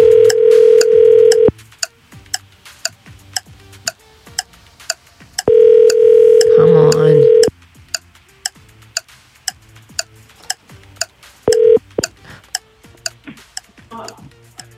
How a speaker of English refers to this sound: We're calling someone in Calderwood. Yep. Okay. Someone in Calderwood that has registered. We're about to start calling that person's phone. We've got 30 seconds to answer. Here we go.